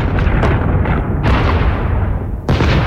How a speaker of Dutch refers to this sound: Zo klinkt een bombardement.